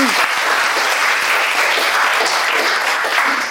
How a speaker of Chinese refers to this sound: 好，掌声送给他。